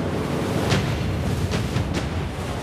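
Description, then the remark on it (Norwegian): A steady, roaring wash of sea waves and icy wind in the dark as a storm builds fills the whole clip, with a few brief hissing surges rising out of the constant rumble. No voices are heard. “Storheil så ikke mye i mørket, men han hørte bølgene bruse rundt seg, og den iskalde vinden traff ham i ansiktet.”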